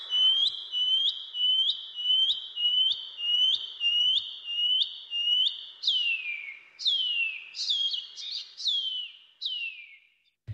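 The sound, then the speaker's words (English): A shining cuckoo (Wharauroa) calls alone: a steady series of about ten high, upslurred whistles in quick rhythm, followed by several longer, drawn-out notes that slide downward in pitch. “The PP Wharauroa. The Shining Cuckoo.”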